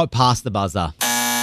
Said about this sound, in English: It was past the buzzer, I'm sorry.